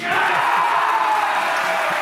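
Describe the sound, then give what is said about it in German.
A large indoor crowd in a hall in Baden-Baden cheers and shouts continuously as Munich is announced as the winner of Germany's Olympic bid selection; a dense, steady roar of many voices filling the hall, loud throughout. “Ja, man hört schon, neben der Freude gab es da einfach einen kleinen Fauxpas, nämlich vor allen anderen wussten die ZuschauerInnen im Saal in Baden-Baden, wo das verkündet wurde, und die Zuschauer vom Fernseher auch schon ein bisschen früher,”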